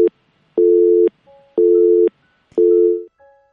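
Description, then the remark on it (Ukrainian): A telephone busy signal on a call-in line to a radio programme: three steady, evenly spaced tone bursts about half a second long with short silences between them, loud on the line with no voices. “Пробуємо ще раз прийняти телефонний дзвінок до нас.”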